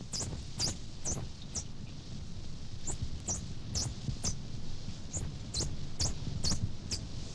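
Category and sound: animal, dolphin whistles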